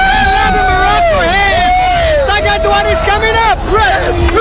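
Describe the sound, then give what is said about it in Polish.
A loud crowd of Brazilian and Moroccan football fans cheering and shouting after goals in a Brazil versus Morocco match in the United States, many overlapping voices rising and falling in pitch as a sustained roar throughout. “To radość brazylijskich i marokańskich kibiców po strzelonych bramkach.”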